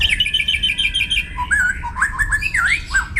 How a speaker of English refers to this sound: Scientists have now analysed more than 100,000 different bird songs to reveal the acoustic secrets behind the incredible variety of bird song that we hear.